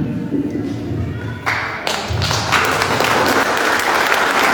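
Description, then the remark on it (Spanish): An audience at a forum breaks into applause in response to answers given, the clapping starting thinner and swelling into a dense, steady wash of many hands that stays loud through the end, with some low thumps mixed in. “Además, el público creo que responde con los aplausos, eso significa que están satisfechos con las respuestas.”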